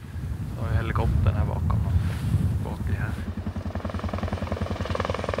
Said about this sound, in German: Und da hinten ist der Hubschrauber.